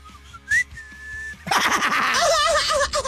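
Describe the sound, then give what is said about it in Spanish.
A person whistles a few thin, wavering notes, attempting a short tune, before the whistle dissolves into a louder, breathy, noisy burst. “Dale, no me sale el silbidito ese, ¿eh?”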